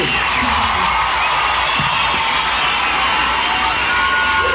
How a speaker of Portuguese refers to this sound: Pode aplaudir, gente. Pode aplaudir.